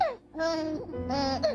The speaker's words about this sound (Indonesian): Suara bayi Sulawesi.